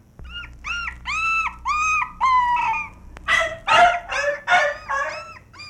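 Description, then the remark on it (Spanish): A dog attacking a man, holding him by the back of his trousers, barks and yelps in a rapid, agitated series of about a dozen sharp, high-pitched cries, loud, with no voices over them. “Uy, hombre, sin saber a qué hora le tiré el ramo de flores al perro, mire.”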